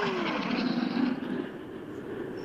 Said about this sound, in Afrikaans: Hier kom nou twee stralers, so dit gaan nou rasig. Twee hok vliegtuie reg bokant my nou baie naby aan mekaar en kom hulle nou deur.